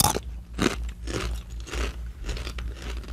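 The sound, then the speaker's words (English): Loud crunching and chewing of crunchy barbecue-flavored potato chips, with repeated sharp bites and crackles in an irregular rhythm, no talking. “All right, so we're going to go in, and sorry if our chewing, you know.”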